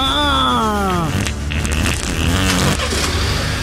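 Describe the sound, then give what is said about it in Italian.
A whining tone slides downward, then gives way to rough, sputtering cranking bursts as an engine struggles to turn over with a key, loud and steady throughout. “Giro la chiave. Fa fatichina, sento. Serve più carburante.”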